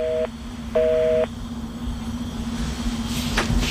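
A phone line's busy tone after a hang-up: two short electronic beeps, one brief and one longer, ringing clearly over a low steady hum and faint background noise, with no one speaking.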